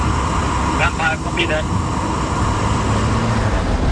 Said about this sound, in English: Two drones right side of the road. In vicinity of Al Mansouri, and we took pictures of them, and we are ready to go.